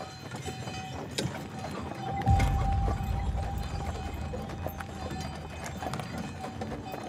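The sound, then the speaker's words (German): Hooves of a horse pulling a carriage in Val Roseg clip-clop in a steady, even rhythm, with a low rolling rumble of wheels swelling briefly partway through. “Und für mich ist es so wichtig, dass das bleibt mit der Kutsche, weil es nicht mehr so viele Kutschbetriebe gibt, die das so groß führen.”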